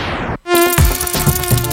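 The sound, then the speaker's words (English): A loud mosquito whine, part of a radio advertisement for Bop household pest killer, drones steadily with a high, thin buzzing tone that wavers slightly in pitch, starting abruptly after a brief silence, with a few low thumps underneath. “Get rid of mosquitoes, roaches, and other household pests with Bop”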